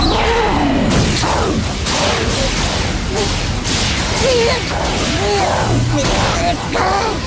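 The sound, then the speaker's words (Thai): Loud, rapid whooshing slash effects of a Pikachu Air Slash attack in a Pokémon battle sweep through a dense action mix. They come as repeated sharp swishes and impacts, with brief voice-like cries mixed in. “พิคาชู แอร์สแลช”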